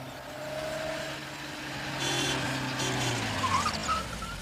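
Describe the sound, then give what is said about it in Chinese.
A car's engine hums steadily outside a door, its low droning tones shifting slightly as it idles or rolls slowly, with no voices present. “过了一会儿，周北风听到门外有汽车声，于是便赶紧出了门，钻进汽车，直奔总部而去。”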